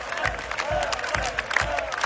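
A large crowd at the Open Flair music festival chants a fan's name in a steady rhythm while he is on stage with a band. Each beat rises as a loud, dense roar over continuous cheering and hubbub.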